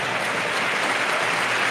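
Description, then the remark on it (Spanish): A large stadium crowd at El Molinón gives an ovation during a triple substitution as Nacho Martín leaves the pitch, a dense, continuous wash of clapping that fills the whole moment without breaks, loud, with no one speaking over it. “Ovación del Molinón.”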